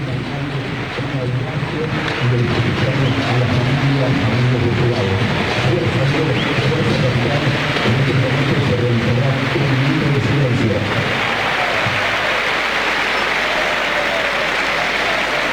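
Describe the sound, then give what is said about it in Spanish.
Independiente football fans applaud in a stadium during an Argentine league match, as a tribute to the late Jorge Messi, father of Lionel Messi: a dense, steady wash of clapping mixed with crowd voices for about eleven seconds, then continuing as a thinner, sustained applause. “Los aplausos son de los hinchas de Independiente, escúchalo.”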